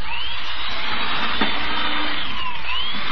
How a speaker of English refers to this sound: Look how it drill holes through this board. Oh, it drills too fast.